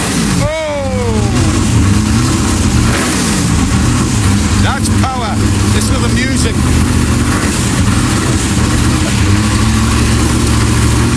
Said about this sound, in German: der Sound von einem 65er Lola T70, davon gibt es auf der Welt nur 15 Stück. Hört euch das mal an, den stellt er mal eben vor. There's no music like this music. I'm just gonna fire this little baby up for you.